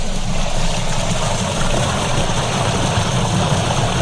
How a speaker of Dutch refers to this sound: Nou, je hoort het hier ook. Ja. Lopen het water. Ja, het stroomt hier.